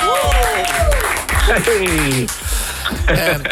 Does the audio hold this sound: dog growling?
no